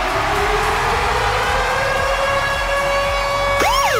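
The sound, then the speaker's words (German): The Virgin Radio Ticket-Alarm jingle: a loud, steady siren tone with rising pitch and bright harmonics sounds alone for several seconds, then breaks into a fast warbling wail at the end. “Und zwar immer dann, wenn ihr unseren Virgin Radio Ticket-Alarm hört, dann ist der da. Achtung!”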